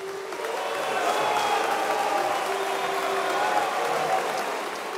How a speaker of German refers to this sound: Buhrufe gehören wohl zum Schlimmsten, was man als Bühnenmensch erleben kann.